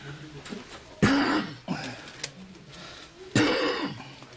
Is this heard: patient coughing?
yes